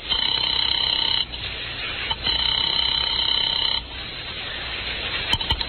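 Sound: telephone ringing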